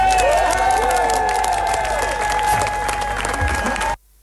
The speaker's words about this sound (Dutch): Een mooi applaus voor het mooie geldbedrag dat is opgehaald door Kinderen voor Kinderen.